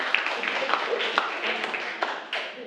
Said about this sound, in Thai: ครับโอเคปรบมือให้กับกลุ่มเพื่อนด้วยนะครับ